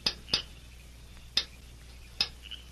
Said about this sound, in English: Later that night, a horseman dismounted at the rear of the town jail and crept stealthily to a barred window. He looked about him carefully. Then, satisfied that his movements were unseen, he rapped a faint signal on the bars.